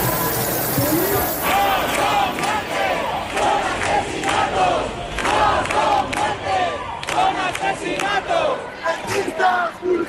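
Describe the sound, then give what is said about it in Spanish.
An angry protest crowd in Madrid, erupting in rage after a woman's death, shouts loudly and continuously, many voices overlapping into a dense roar with sharper yells and bursts breaking through throughout. “El sonido de la semana ha sido el del estallido de la rabia tras la muerte de Mari Carmen, una llama que mantienen los que siguen en sus tiendas de campaña en el centro de Madrid.”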